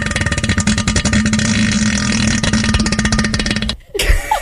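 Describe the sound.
A voice imitates a deep, bassy, really loud fart in a toilet bowl: one long, loud, buzzing raspberry lasting nearly four seconds, then cut off abruptly, followed by a brief breathy noise.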